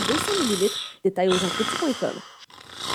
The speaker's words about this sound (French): Hey, réveille-toi, tu ronfles encore! Vos nuits ressemblent à ça? Le ronflement peut cacher un trouble du sommeil.